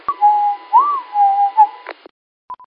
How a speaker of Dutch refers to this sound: Ja, we hebben een fluiter. We hebben er een fluiter tussendoor.